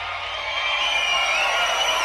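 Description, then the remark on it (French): A video game crowd in Guitar Hero cheers in a steady, dense roar that holds at an even loudness for about two seconds, with faint high whoops and whistles mixed into the wash. “T'entends la foule vidéo, ils nous adorent.”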